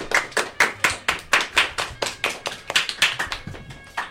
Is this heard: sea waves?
no